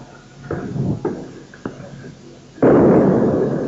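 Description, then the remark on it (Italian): Bomb explosions during a street riot: a few sharp, booming bangs in quick succession, then a much louder blast whose roar carries on and fills the scene, with faint commotion in the background. “Ecco le bombe, avete sentito l'esplosione?”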